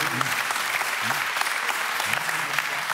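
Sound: audience applause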